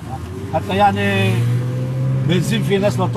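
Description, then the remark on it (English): A steady engine drone of banged-up cars and old taxis on a street in Tyre, with people's voices talking over the traffic noise throughout. “Amid the banged-up cars and old taxis”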